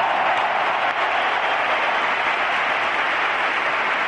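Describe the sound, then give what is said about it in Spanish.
A dense, steady roar of stadium applause and crowd cheering at the Santiago Bernabéu, an ovation for footballers Mikel Oyarzabal and Cucurella, loud and sustained without letup, thousands of hands clapping at once with no distinct voices standing out. “Hay que llevarse la ovación del Santiago Bernabéu.”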